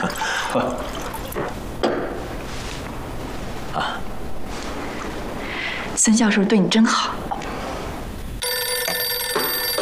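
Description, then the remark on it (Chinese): A telephone starts ringing near the end, a steady, buzzy electronic trill that continues to the close, following a stretch of voices making toasts and the clink of glasses at a dinner. “二位，失陪一下，电话响了，我去接个电话，马上回来。”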